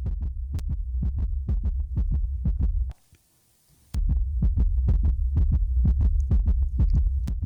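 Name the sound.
heartbeat sound effect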